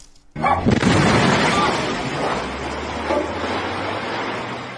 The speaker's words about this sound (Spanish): En Coacalco, Estado de México, ocurrió una explosión al interior de una gasera en la colonia Loma Bonita. Protección Civil Estatal informó que explotaron dos pipas de gas de 40 mil litros.